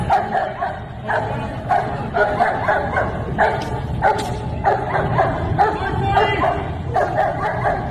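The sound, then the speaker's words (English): A police dog named Sparky barks rapidly and excitedly in repeated bursts, loud, with yips mixed in, continuing steadily throughout while faint background voices can be heard underneath, as it is worked up before being released. “They're getting that dog really worked up, too.”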